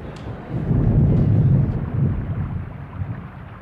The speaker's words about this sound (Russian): Дождь полил ровно и сильно. Сухая земля быстро темнела.